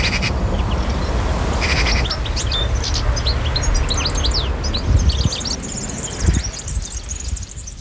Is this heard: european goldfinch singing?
yes